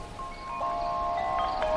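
Leaves rustle softly in a steady breeze, a continuous airy hiss with faint sustained tones humming underneath, holding an even level throughout without any voices.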